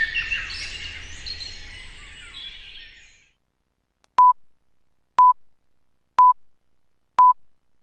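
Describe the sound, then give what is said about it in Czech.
Four short, identical beeps at steady one-second intervals, a radio time signal, following a fading bed of birdsong that drops away into silence before the pips begin. “Sponzor tačnog vremena, Unsko-sanske šume.”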